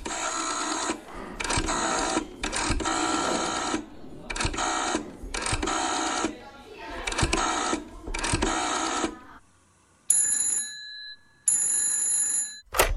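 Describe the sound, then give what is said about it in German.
A telephone rings loudly in a series of short, harsh bursts as two children, one in West Germany and one in East Germany, phone each other in 1983; then two shorter, higher-pitched electronic trills sound near the end. Nobody speaks. “Ein Kind wohnt in Westdeutschland, das andere in Ostdeutschland. Und die beiden telefonieren.”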